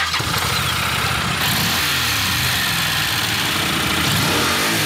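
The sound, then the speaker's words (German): A Honda NC750X motorcycle engine starts up and settles into a steady, throaty rumble with rising and falling revs, loud and continuous with no talking over it. “Sie sind derjenige mit dem Motorrad, habe ich gelesen.”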